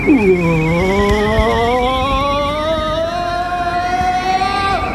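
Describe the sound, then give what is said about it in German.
A loud car engine hums continuously and slowly rises in pitch as it accelerates, as cars drive through a road tunnel, with no one speaking. “Na, Sie sind abgebogen und fahren gleich da vorne in den Straßentunnel.”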